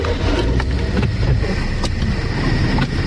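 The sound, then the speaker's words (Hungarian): Steady low rumble of road traffic on a busy road between a park and the city centre, vehicles passing continuously with a few brief louder swishes, fairly loud and constant with no talking. “Na akkor nézzük, ez egy forgalmas út itt, itt rögtön a park és a belváros között.”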